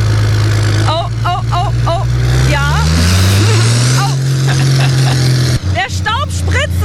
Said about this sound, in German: Ich sitze jetzt bei Yannick auf dem Trecker und wir fahren jetzt mal eine kleine Testrunde.